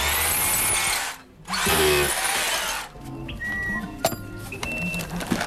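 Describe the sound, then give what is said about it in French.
A power drill whirs loudly in two sustained bursts with a short pause between, followed by quieter clinks and faint tonal squeaks of handling. “Non, mais il faut tourner, t'as un tournevis, toi.”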